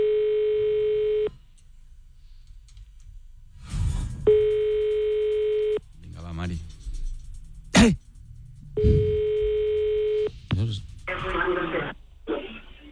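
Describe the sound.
An outgoing phone call rings three times: steady, clear ringback tones of about a second and a half each, spaced by pauses in which voices talk and murmur.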